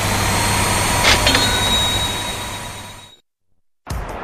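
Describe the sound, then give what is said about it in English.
A loud, steady jet aircraft engine roar with a high whine, at the Battle Creek Field of Flight Air Show and Balloon Festival, fills the first three seconds, then cuts to silence before the roar abruptly returns at the end. “Booms and roars fills the skies this summer at the Battle Creek Field of Flight Air Show and Balloon Festival, July 1st through the 5th.”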